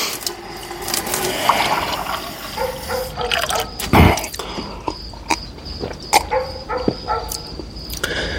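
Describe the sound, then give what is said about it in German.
Water runs from a tap in a steady wash as Donato Saratore, barefoot in blue pajamas, goes to the tap, broken by sharp clicks and clunks of handling, with a louder knock near the middle. Nobody speaks. “Er ging zum Wasserhahn.”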